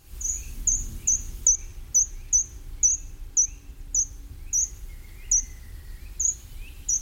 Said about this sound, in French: Si vous allez dans les bois, vous entendrez le grimpereau des jardins, avec ce petit chant très ténu et ce petit oiseau qui monte en spirale le long des troncs d'arbres.